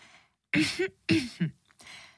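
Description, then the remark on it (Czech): A person clears their throat two or three times in quick succession before beginning to tell a story, short rough bursts with brief pauses between them and no talking. “A vy si odkašlete a začnete vyprávět.”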